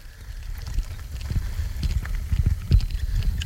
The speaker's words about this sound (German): Ach, linker Hand, hier ist eine Pferdekoppel und da läuft auch ein Pferd gerade im Kreis herum.